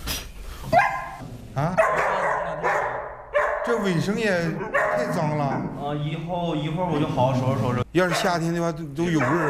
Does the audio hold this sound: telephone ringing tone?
no